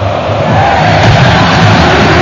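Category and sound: crowd, stadium crowd chanting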